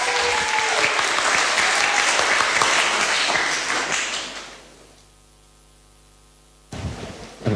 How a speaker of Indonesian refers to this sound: Udah siap semuanya? Sudah? Tepuk tangan dong.